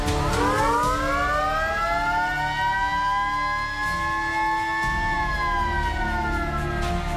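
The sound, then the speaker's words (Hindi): A loud siren wails across an open fire station compound, its pitch sweeping up and holding in a long, steady tone before slowly sliding back down, with a low rumble underneath and no voices. It sounds right after an emergency fire call is taken and the address is written down. “इधर घंटी बजी, उधर फोन उठा, फोन उठाने वाले ने डायरी पर पता लिखा और फिर अचानक पूरे अहाते में सायरन की आवाज गूंज उठी।”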